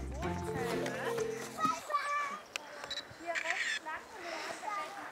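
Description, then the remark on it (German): A single sharp camera shutter click as someone photographs a stream during a walk toward a forest, brief, surrounded by children's voices and outdoor bustle. “Was hast du da gerade fotografiert?”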